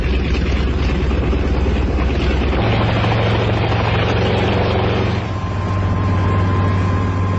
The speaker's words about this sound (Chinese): 直升飞机拔地而起，向远方飞去。